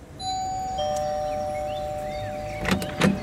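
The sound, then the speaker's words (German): A doorbell sounds a two-note chime, each clear tone ringing on and fading slowly, followed near the end by two short, sharp rattling bumps. “Also haben wir geklingelt.”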